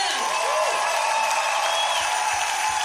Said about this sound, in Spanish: ¡Levanta un aplauso más fuerte!